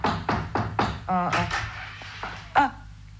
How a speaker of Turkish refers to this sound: Kapıyı yumruklamayı deneyelim bir de. Yine de duymazlarsa bil ki evde yoklar.